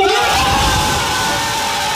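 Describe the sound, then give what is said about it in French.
Stade Rennais teammates of striker Esteban Le Poll shout and cheer together as his name is announced in the France national team squad, a loud, dense burst of excited yells and whoops that stays steady for the whole moment. “L'annonce de son nom, les cris de ses coéquipiers ont été à la hauteur de la joie d'Esteban Le Poll.”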